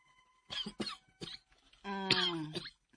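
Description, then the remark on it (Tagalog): Three quick, harsh coughs, followed by a longer strained, squeaky wheeze that ends in one more rough cough. “Ubo-ubo ka na. Naalagi ko'y ubo ron.”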